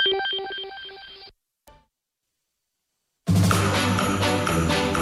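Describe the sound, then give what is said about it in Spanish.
A telephone rings with a bright, repeating electronic tone for about a second, then a click and a short silence as voicemail answers, before loud, full music bursts in. “El teléfono marcado se encuentra muy disponible en este momento. Este es el radiofónico buzón de voz”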